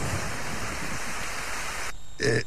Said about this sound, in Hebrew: טוב, פעם ב-20 שנה באמת יש קצת גשם, אבל איך אומרים? לפחות עכשיו יש לנו 20 שנה שקט.